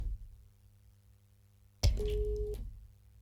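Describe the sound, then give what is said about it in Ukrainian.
A low hum, then a sudden burst of phone-line noise and a single steady busy-tone beep lasting about half a second as a phone call's connection drops, fairly loud, with no voices. “На жаль, у нас телефонного дзвінка обірвався зв'язок.”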